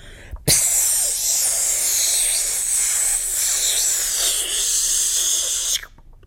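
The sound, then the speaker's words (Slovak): A spray paint can hisses on a wall in one loud, steady burst lasting about five seconds, bright and airy with slight wavers, starting and stopping abruptly with no one speaking. “Jediné, čo ju bavilo, bolo sprejovanie hákov a bákov po múroch.”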